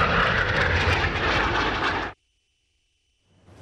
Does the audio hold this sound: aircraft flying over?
yes